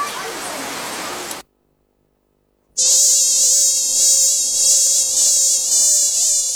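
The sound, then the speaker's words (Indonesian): A steady, high-pitched whine of many mosquitoes buzzing in a bedroom, after a short burst of hiss and a brief silence, droning on continuously with slight wavering. “Aduh, nyamuk ini banyak apa dalam kamar ini?”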